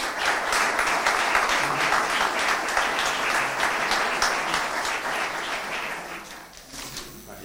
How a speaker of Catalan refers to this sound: Un fort aplaudiment.